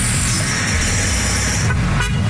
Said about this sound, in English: I wake up at 3 a.m. and it's like people honking.